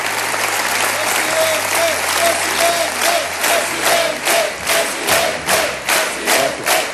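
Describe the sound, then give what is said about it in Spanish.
A large crowd at a Partido Popular rally at IFEMA, the Feria de Madrid, cheers loudly and claps in a steady rhythm while receiving Núñez Feijóo, voices chanting "presidente" in unison, the dense roar swelling in regular pulses throughout. “En el caso del PP, han reservado un espacio de IFEMA, de la Feria de Madrid, en el que Núñez Feijóo ha sido recibido al grito de presidente.”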